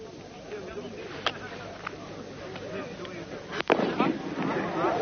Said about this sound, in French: H-1, la dernière fusée vient de partir, une fusée rouge.